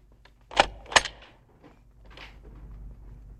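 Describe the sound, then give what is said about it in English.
Two sharp metallic clicks close together as Gumbold turns a key to lock an office door in an office building, followed by faint shuffling and low background noise. “Gumbold is locking up the office door.”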